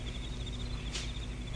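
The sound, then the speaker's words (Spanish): Crickets chirp in a steady, rapid trill, a high continuous pulsing over a low background hum, fairly quiet, with one brief soft whoosh partway through. “Es solo el canto de los grillos.”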